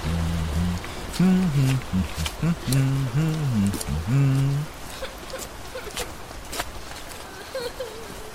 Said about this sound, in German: Und du willst wirklich nicht mit bei dem Sauwetter? Nein, schon gut. Ich mag Regen.